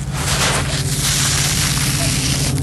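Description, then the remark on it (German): Sand trickles off a shovel outdoors at a bathing lake with a sand beach, in a steady, grainy hiss with fine crackling texture, continuous for a few seconds over a low, constant hum, with a cuckoo in the background. “Ich habe das Gefühl, du gehst mit einer Schaufel oder irgendetwas rein und dann rieselt es.”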